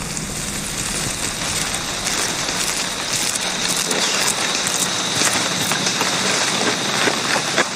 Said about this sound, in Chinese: 雨林中的雨总是来得快，去得也快